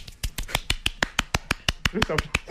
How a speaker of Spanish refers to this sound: Yo te cuento así dale. Y vos aplaudís. ¿Eh? Dale. Son 10 segundos.